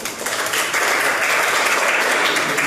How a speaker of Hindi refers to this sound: तो चलिए एक बार जोरदार तालियां हो जाएं थोड़ी सी।